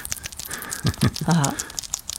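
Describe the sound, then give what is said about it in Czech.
A male bat eating worms it is being fed, with rapid, irregular wet smacking and crisp clicking sounds throughout. A brief, low murmuring sound swells in the middle. “No, takže tomu protože chutná, oni hodně mlaskají, protože nemůžou si tu potravu jenom tak podávat.”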